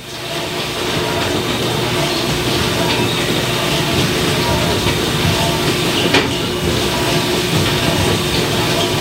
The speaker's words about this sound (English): Oh, there. Now you should be able to hear dishwasher a little better.